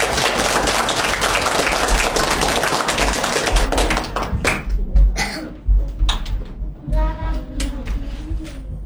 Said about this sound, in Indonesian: Mari kita beri tepuk tangan yang meriah.